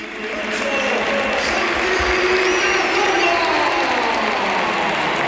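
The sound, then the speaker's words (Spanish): A huge crowd at the Bernabéu stadium roars and applauds in a sustained, dense ovation for Real Oviedo captain Santi Cazorla as he comes on as a substitute, steady and loud throughout, with a few voices and whistles rising faintly above the wash of clapping. “Mira, mucha gente se pone de pie y mucho aficionado del Oviedo, pero por favor, que escuchen la ovación que tributa el Bernabéu a Santi Cazorla.”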